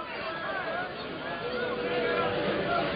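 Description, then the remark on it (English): A large stadium crowd of baseball fans keeps up a steady, drawn-out roar of booing for several seconds, loud and continuous with a faint rise toward the end. “Are the Kentucky fans booing Kojal because of the collision with Van Cleave?”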